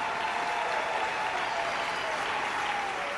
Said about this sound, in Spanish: En el día de hoy, en medio de esta casa que hemos dedicado para el servicio y alabanza del Dios de gloria, se debe de oír no solo ruidos de aplauso, sino también voces de júbilo, porque voy a alabar el nombre del Señor con todas mis fuerzas.